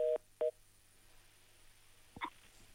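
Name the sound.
telephone call connecting tones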